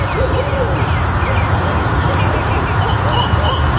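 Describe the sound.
Barred owls call at night with a string of hooting, voice-like cries that rise and fall, their call known as "Who cooks for you?", set against a steady wash of insect chirring and background noise.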